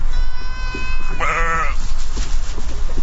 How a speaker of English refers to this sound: Goats are out here too, along with hundreds of sheep. They're eating away invasive plants and lowering dry grass that can turn into wildfire fuel.